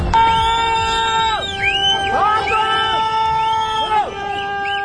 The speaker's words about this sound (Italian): Urlano, fischiano, si disperano gli abitanti di un villaggio in collina. Da quell'altezza vedono arrivare la piena.